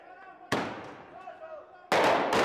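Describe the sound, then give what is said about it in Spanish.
Sharp, loud explosive blasts in the streets of La Paz, Bolivia, during street protests: one big bang followed by a long decaying rumble, then another burst of loud booms near the end, with faint crowd-like noise in the background. “Explosiones en las calles de La Paz, sede del gobierno boliviano.”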